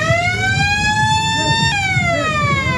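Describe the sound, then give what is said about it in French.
A loud, continuous siren-style alarm signalling the end of a fishing contest sounds throughout, its steady whining tone slowly rising in pitch and then dipping slightly, with a faint murmur of background noise beneath it. “L'alarme sonne, la fin du concours.”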